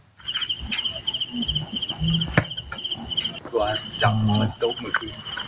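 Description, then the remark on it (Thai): Steady, high-pitched insect chirping at night, a dense pulsing trill of crickets played from an insect-sound recording device with a purple light bulb to lure giant water bugs, at a hut in a cassava field in Khon Buri district, Nakhon Ratchasima, Thailand. Some faint low murmuring and a brief sharp click partway through. “สิ่งที่ทำให้แมงดาหลงกลมาติดกับนะครับก็คือหลอดไฟสีม่วงพร้อมอุปกรณ์บันทึกเสียงแมลงที่ชาวบ้านเขาเอามาเปิดล่อครับที่กระท่อมกลางไร่มันสำปะหลังท้ายหมู่บ้านบ้านหนองหินดาบตำบลสะว่านพระยาอำเภอคอนบุรีจังหวัดนครราชสีมาครับ”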